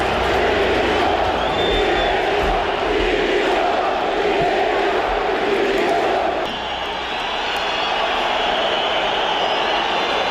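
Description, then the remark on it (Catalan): A large stadium crowd of Mallorca fans chants in unison, demanding the resignation of the entire club board after relegation to the second division: a loud, steady roar of voices with rhythmic shouted phrases repeating, dipping briefly in volume before swelling again. “L'afició, a més, va ser molt crítica i demana va demanar a crits la dimissió de tota la directiva.”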